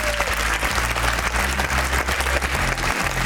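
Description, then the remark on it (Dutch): Sustained applause from a sizable audience in the Tourcafé, a dense steady wash of clapping, fairly loud, with no talking heard over it. “Mensen in het Tourcafé, mag ik nu alvast een heel groot applaus.”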